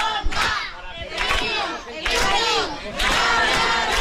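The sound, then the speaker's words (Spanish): A crowd shouts and cheers for a winner, some yelling his nickname and others his name, with many overlapping voices, loud and continuous, rising in surging waves with brief dips between bursts of collective yelling. “Unos gritan el apodo, otros el nombre y este...”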